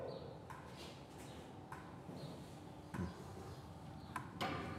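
Several sharp, irregularly spaced knocks on an enclosure, about five taps with gaps of a second or so, standing out over a steady low background hum with no clear talking.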